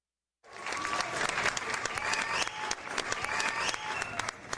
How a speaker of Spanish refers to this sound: Si te sientes muy feliz, aplaude así.